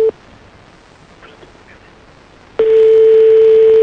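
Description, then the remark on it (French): A telephone dialing tone while calling a mobile phone: a steady, loud mid-pitched beep cuts off right at the start, then after a quiet pause it sounds again, holding unbroken to the end. No one speaks. “on va appeler Maxime, on va essayer de tomber sur sa messagerie”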